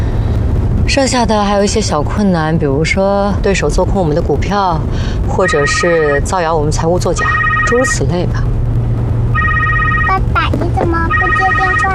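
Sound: phone ringing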